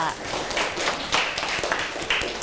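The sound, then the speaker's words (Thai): A small group of children clap their hands together for a classmate in an uneven patter of claps, lasting a couple of seconds, with faint chatter mixed in. “โอ้โหเยี่ยมมากเลยค่ะปรบมือให้กับเพื่อนค่ะ”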